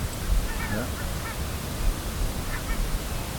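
A small group of barnacle geese calling in flight over their wintering area in the Netherlands: a few short, yapping, dog-like honks in small bursts, faint against a steady rushing wind noise, with no one talking.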